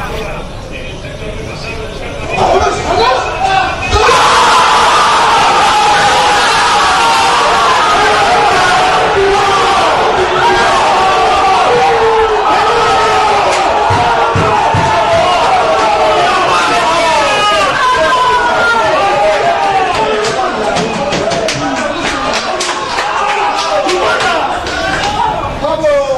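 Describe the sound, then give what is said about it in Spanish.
A loud, excited group of about eight or nine staff in the AS newspaper newsroom cheering and shouting "¡Campeones!" together in celebration, with overlapping voices and bursts of whoops sustained for the whole stretch after a brief quieter start. “Lo que escucharon en W Radio, pues, después de los festejos y que le gana el llanto a Tomás Roncero, fue la redacción de AS.”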